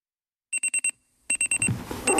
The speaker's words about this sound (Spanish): El despertador.